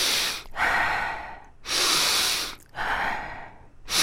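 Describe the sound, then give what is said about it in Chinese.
Slow, deep breaths, each a loud airy rush of about a second, alternating inhale and exhale with brief pauses between, four in a row and no talking. “拢总先深呼吸，深呼吸三解。”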